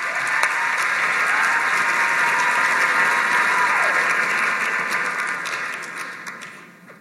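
An audience applauds steadily, a dense wash of many hands clapping at once for several seconds before the ovation gradually thins and fades out. No one speaks.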